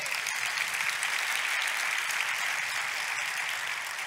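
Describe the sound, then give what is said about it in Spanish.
A church audience applauds to praise God (Jehovah) in steady, dense clapping that holds at an even level throughout, a continuous wash of many hands with no voices standing out. “Dar otro aplauso a Jehová.”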